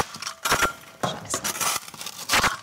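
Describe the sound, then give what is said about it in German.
Several hollow knocks on a clay plaster wall with a hollow space behind it, sharp and fairly loud, arriving in uneven bursts with short gaps and a bright, slightly rattling edge. Each sounds like rapping on a door, with no voices. “Hier zum Beispiel hört man das, dass das klingt, wie als würde man gegen eine Tür klopfen.”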